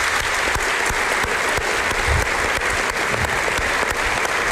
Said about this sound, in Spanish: Llevas muchos años haciéndolo y creo que públicamente nunca te hemos dado las gracias. Así que si me acompañan en un aplauso, yo creo que te lo mereces.